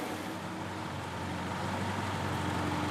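Vintage East German cars drive out of a hall with a steady, droning engine rumble that stays fairly loud throughout, with no voices.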